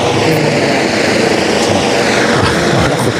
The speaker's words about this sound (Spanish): Ahora justo se nos ha posado encima un helicóptero, pero ya abandona el lugar. Hoy vamos a tener helicóptero todo el día, y Ceuta hoy es una ciudad algo más segura.